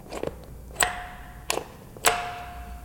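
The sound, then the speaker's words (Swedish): A doorbell sounds in three sharp, metallic strikes about half a second apart, two of them leaving a brief humming tone, after a few faint clicks, as someone tries whether the doorbell still works. No one speaks. “Funkar ringklockan fortfarande? Vi ska se.”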